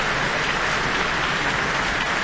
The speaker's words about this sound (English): And we have Leonie Holmes coming to the stage to receive her very warm applause from the Auckland audience tonight.